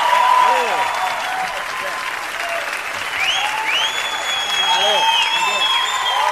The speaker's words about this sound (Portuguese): Mais palmas, mais palmas!